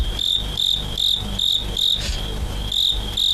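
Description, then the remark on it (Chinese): Fighting crickets collected in Shandong chirp in autumn in a steady, repeating rhythm of bright, high-pitched pulses, about eight bursts over a few seconds, over a low rumbling background with no voices. “逐鹿中原三秋日，问鼎华夏虫鸣时。”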